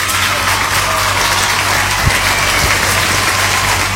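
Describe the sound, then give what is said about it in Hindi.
Steady applause from an audience, a dense continuous patter of many hands clapping at a constant loud level for the full few seconds, with no voices standing out. “जरा आगे बढ़ते हैं, मगर आगे बढ़ने से पहले तालियां बजाएंगे भाई।”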